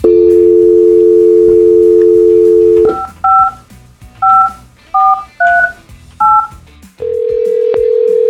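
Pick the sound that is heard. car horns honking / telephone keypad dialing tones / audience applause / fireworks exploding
telephone keypad dialing tones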